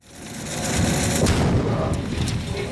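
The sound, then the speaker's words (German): A heavy blast rumbles out as a landmine detonates beneath a digging, remote-controlled demining machine made by the Swiss foundation Digger, followed by a sustained, crackling roar of debris and engine noise as the machine keeps digging, with no talking. “Ein Minenräumer von Digger wühlt sich durch den Boden, trifft auf eine Mine, eine Explosion.”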